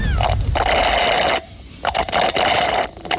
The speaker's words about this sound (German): Du schlurfst mit einem Röhrle. Ja. Aber was trinkst du da? Es ist etwas schaumig. Es ist kein Aperol Spritz. Mhm. Gell? Es ist ein bisschen dickflüssig. Du bist richtig gut. Hast du Eiskaffee? Oh mein Gott, ja!